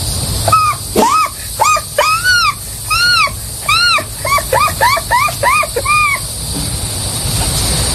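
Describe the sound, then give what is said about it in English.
A voice imitates an American herring gull's call: a run of about a dozen loud, nasal, rising-and-falling cries, starting spaced out and then quickening into a rapid laughing series before stopping. “Next, the herring, the American herring gull.”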